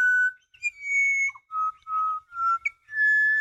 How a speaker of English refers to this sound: The pied butcher bird. Black and white, about the size of a jay. And they're fairly common.